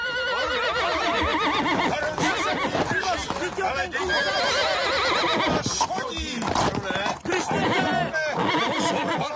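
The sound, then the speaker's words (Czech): A horse neighs and whinnies loudly and repeatedly as a man leaps from a window straight into its saddle, over a steady clatter of stamping hooves, with agitated human voices mixed into the commotion. “Skočil z okna. Přímo do sedla. Nevím. Vždyť ho ten kůň zabije.”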